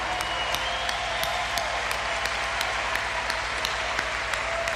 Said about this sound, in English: And there's a decent number of kids out here tonight, too, so they should also just get a huge round of applause. Good for you.